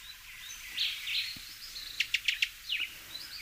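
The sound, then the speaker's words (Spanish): A Cuban tody (Todus multicolor), a bird barely 11 centimetres long, calls with a quick run of four or five short, sharp, high-pitched notes over a soft background of bird chatter and insect hum. “Así suena el barrancolí cubano, nombre científico Todus multicolor.”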